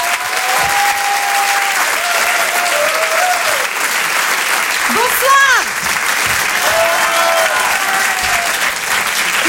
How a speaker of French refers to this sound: Je vous demande de l'applaudir très fort.